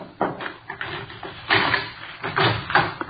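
A key rattles and clicks in the lock of a house's locked back door, followed by the clunk and scrape of the door being pulled open, several short knocks over about three seconds with no talking.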